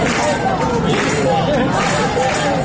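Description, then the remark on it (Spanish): A large protest crowd in Spain, at a rally in support of Ceuta, chants and shouts against the Spanish prime minister, a dense, steady wall of many voices with a loosely rhythmic swell, loud throughout with no single speaker standing out. “La manifestación comenzó con esos cánticos”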